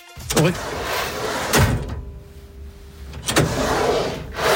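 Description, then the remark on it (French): A drawer slides open and shut several times, each movement a brief rumbling scrape ending in a soft knock, with a quieter pause in the middle. “Est-ce que c'est un tiroir que l'on ouvre et que l'on ferme?”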